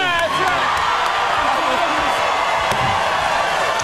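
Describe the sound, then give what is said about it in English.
The Late Show studio audience cheers and whoops loudly as Jimmy Kimmel, Seth Meyers, John Oliver and Jimmy Fallon are welcomed back, a dense, steady roar of voices with sharp whistles and shouts rising out of the continuous crowd noise. “You know what this is? This is a Monday crowd.”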